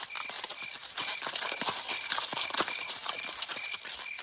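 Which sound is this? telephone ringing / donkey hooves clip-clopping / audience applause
donkey hooves clip-clopping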